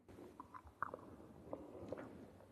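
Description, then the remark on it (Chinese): Close-up chewing of tea leaves with a whole copper coin in the mouth, making broken-copper tea in an ancient town. Chewing for under a minute breaks the coin. Soft, steady mastication is broken by a few sharp, crisp cracks, quiet and with no voices. “茶叶和铜钱一起入口，咀嚼不到1分钟，就听见了几声脆响。”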